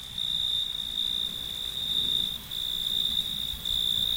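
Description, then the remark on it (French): Male crickets chirp by rubbing their wings together, a steady, dense trill that carries on without pause through the whole stretch, with a soft low rumble of night ambience beneath. No voices are present. “Les grillons mâles frottaient l'une contre l'autre leurs ailes,”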